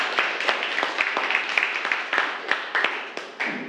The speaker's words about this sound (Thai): ครับปรบมือให้เพื่อนด้วยครับนักเรียนนะครับ